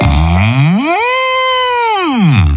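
A bull lets out one long, loud moo that rises in pitch, holds steady, then slides back down. It is clear, with no other sounds.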